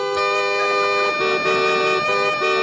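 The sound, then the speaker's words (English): Bagpipe regulators sound reedy, sustained, chord-like notes over a steady buzzing drone, with the main tone briefly cut off and restarted a few times in a loud, continuous passage. No one speaks. “And then you got regulators with your D's.”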